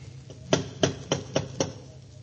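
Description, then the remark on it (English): Five sharp knocks on the door of a house with gable windows land in a steady, evenly spaced rhythm, each a solid rap over a low background hum, with no voices. “Go ahead and knock.”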